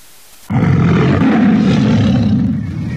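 A tiger, a big cat at a zoo, lets out a single long, loud roar that starts abruptly and rumbles deep and steady for about two and a half seconds, powerful, with no talking.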